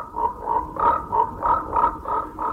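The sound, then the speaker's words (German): A large toad croaks in a steady, repeating rhythm, about eight throaty pulses in under three seconds, moderately loud with no voices. “Eines Nachts kam eine große, hässliche Kröte durch das Fenster gehüpft.”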